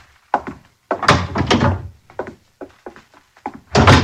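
A door being opened, with a series of heavy thunks and clunks, a few short knocks at irregular intervals, then a louder final bump. No one speaks.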